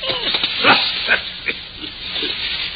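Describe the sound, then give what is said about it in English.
A dog growls and snarls in rough, throaty bursts over a steady hissing background, with a few sharper snorts standing out as it tugs and worries at a shoe. “Stop it, boy, drop it.”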